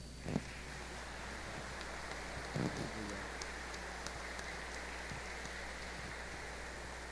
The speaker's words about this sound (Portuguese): Vamos acolher o Padre com uma salva de palmas.